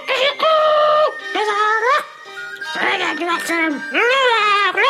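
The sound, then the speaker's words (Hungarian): A human voice imitates a rooster crowing, belting out a loud, drawn-out series of rising and falling cock-a-doodle-doo calls, with brief breaks between phrases. “A kakas meg még egyszer tüzetesen körülnézett, majd nagy büszkén megint az ajtóban, megcsavargatta a szárnyát, lábujjhegyre emelkedett és nótára gyújtott.”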